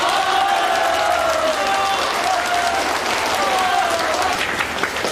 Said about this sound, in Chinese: 全体起立，祝首长 新婚快乐， 鼓掌。